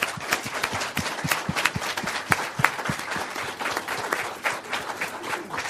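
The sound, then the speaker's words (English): An audience breaks into sustained applause to thank three speakers at the end of an afternoon session, dense overlapping claps at a steady level for several seconds with no voices on top, many people clapping together. “And I'd just ask you to join me in thanking them all once again.”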